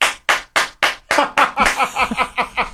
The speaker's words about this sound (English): I mean, we're showing appreciation by smacking our hands together to make noise. That is a good one.